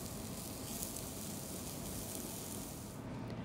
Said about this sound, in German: Die Roulade schneidet Oliver Skopnik in Scheiben, bestreicht sie noch mit etwas Olivenöl und grillt sie in der heißen Pfanne.